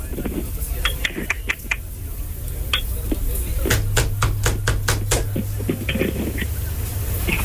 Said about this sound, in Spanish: ¿Quién toca la puerta?